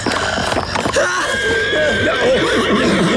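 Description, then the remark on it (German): A horse whinnies loudly and shrilly, its wavering cry stretching across a few seconds amid a dense, busy background with some shuffling and faint voices. “Du hast mein Pferd und mich beinahe zu Tode erschreckt.”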